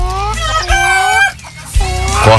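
Several chickens cluck and squawk in a loud, continuous jumble of calls, with a rooster-like crow rising in the middle and a low rumble of background noise underneath.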